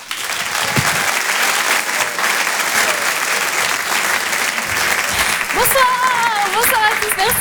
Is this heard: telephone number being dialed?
no